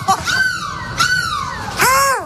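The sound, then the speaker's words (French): A person imitates a seagull with three shrill, wailing cries in quick succession, each rising then falling, loud, the last one the strongest, on a live radio morning show on Énergie broadcast from Lille. “Mais laisse-moi tranquille, je fais la mouette que je veux.”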